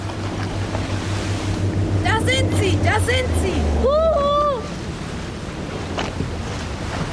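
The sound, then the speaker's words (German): A water taxi's boat engine drones low and steady across the water as it turns around, with wind and waves around it, while several voices call out excitedly over the motor before it fades. “Das ist das Wassertaxi.”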